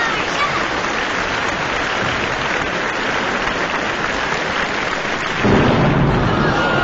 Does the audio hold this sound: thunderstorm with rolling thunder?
yes